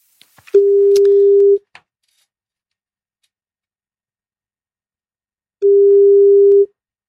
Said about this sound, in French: je te suis, je te laisse faire le numéro de téléphone.